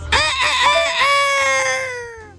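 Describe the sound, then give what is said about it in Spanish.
A rooster crows once, loud, with a few choppy opening notes that stretch into a long, wavering cry that slowly fades out. “Atentamente el Kikiriki.”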